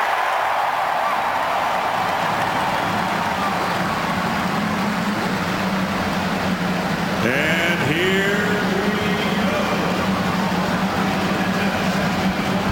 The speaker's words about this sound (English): The field of 33. The cars roar to life as we get ready for the 106th running of the Indianapolis 500-mile race.